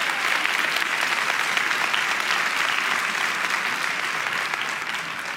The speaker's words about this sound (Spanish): Vamos, iglesia, si alguien va a aplaudir, tiene que hacerlo con ganas el día de hoy.